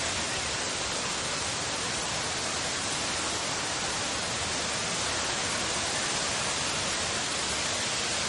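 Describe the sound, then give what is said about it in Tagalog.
A steady, dense wash of noise fills the whole clip without letup, like heavy rain pouring down in a downpour, with no voices over it. “So, ana palang kadlaon, grabe ng bunok sa uwan.”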